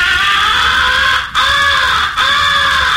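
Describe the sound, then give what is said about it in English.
A crow recognition call blown on a game caller, imitating a crow locating an owl or in distress: three long, harsh, drawn-out caws, loud, separated by brief pauses, with no voices. “You are imitating a crow locating an owl or in distress and plenty peeved.”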